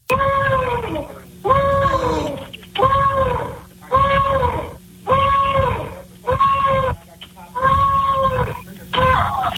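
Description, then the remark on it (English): A man, an intruder who broke a window and came into a house, screams over a muffled phone line on a 911 call recording, letting out about eight loud, strained, wailing cries in a steady rhythm, each lasting roughly a second with short gaps between. “This is him screaming?”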